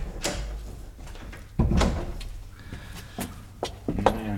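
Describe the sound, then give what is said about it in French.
A door is opened with a series of knocks, clunks and rattles, a heavy thud in the middle and a short creaking squeak near the end. “Mais ouvre la porte!”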